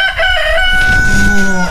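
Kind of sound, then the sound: bird, rooster crowing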